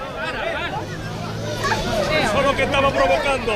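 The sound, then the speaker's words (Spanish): A crowd of neighbours at a demonstration in Loma Colmenar shouting over one another as a fight breaks out among attendees, many raised, overlapping voices forming a loud, continuous, agitated din that swells slightly toward the end. “Estos gritos que oímos de fondo son el inicio de una pelea entre los asistentes a la manifestación, una reyerta entre vecinos que es síntoma de la tensión que vive el barrio.”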